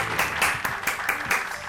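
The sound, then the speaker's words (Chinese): A short burst of applause from a small group of audience members after a pan-fried dish is turned out onto a new plate, steady, with individual claps blending into a dense patter for a couple of seconds. “哎呀，看看，来，观众朋友们，举些名掌。”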